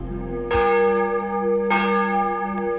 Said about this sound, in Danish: Klokkerne ringer til morgenandagt i Vor Frue Kirke, Domkirken i København.